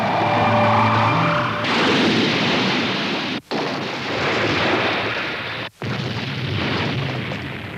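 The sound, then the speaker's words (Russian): A flying house crash-lands with a loud, sustained crashing roar that rumbles for several seconds, broken by two brief drops, after a short whining tone at the start. “Видели, какой я отличный пилот. Приземление произошло блестяще.”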